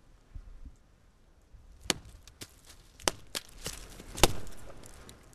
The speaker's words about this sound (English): It's a type of call and response from hitting a tree. Bigfoot believers say this is how they sometimes communicate with us.